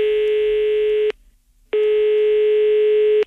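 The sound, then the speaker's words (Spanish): A steady electronic ringback tone as the DGT places a phone call to a driver about a traffic infraction, two long even bursts with a short silent gap between them, loud and alone with no voices. “Pero es un momentito que vamos a llamarlo y vamos a aclarar aquí qué es lo que ha sucedido.”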